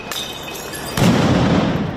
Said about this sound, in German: Es fliegen Rauchbomben, es knallen Böller.